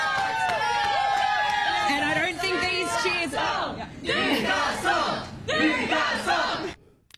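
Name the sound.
crowd of fans cheering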